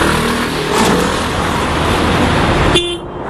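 Dense road traffic on the highway leading to southern Lebanon, lines of cars loaded with families, luggage and mattresses on the roofs, a steady engine rumble with several car horns honking over it, loud, ending with a sustained horn tone.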